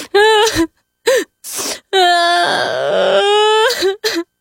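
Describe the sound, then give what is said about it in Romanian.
A voice acts out a snail's loud sobbing crying as it lies on a leaf: a few short choked wails and breathy gasps, then a long quavering wail that trails off into two quick sobs. “Mama se așeză lângă el pe marginea frunzei și ascultă plânsul.”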